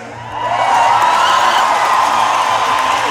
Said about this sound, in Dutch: Ja, dik applaus